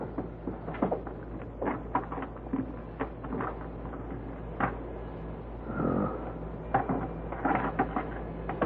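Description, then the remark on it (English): Keys being tried in a lock: a run of irregular metallic clicks, jiggles and rattles, with a brief grinding scrape partway through. Fairly quiet, with no one speaking. “got a couple of keys I think will fit.”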